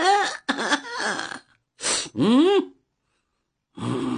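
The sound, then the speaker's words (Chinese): A man's voice imitates coughing and throat clearing in a series of short, voiced bursts, with brief pauses between them and a longer gap before a final burst, portraying someone coughing outside a window as a signal. “就听窗外有人咳嗽一声。”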